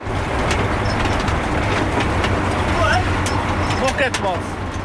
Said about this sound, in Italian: Un campo in mezzo alla campagna bernese e un trattore che traina lentamente una raccoglitrice di patate. Una volta raccolte, le patate vengono scaricate in diverse casse di legno.